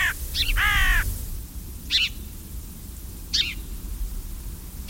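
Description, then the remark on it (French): A carrion crow caws repeatedly outdoors, a few harsh calls clustered at first, then spaced single caws, over a steady low rumble of background noise. “La corneille, elle aussi, est très, très omnivore et qui n'est pas toujours appréciée de tous les agriculteurs.”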